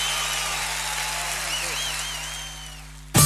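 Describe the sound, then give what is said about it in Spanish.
Steady applause fills the space for about three seconds, accompanied by warbling whistle-like tones and a low electrical hum, before cutting off abruptly into a brief loud burst. “aplauso.”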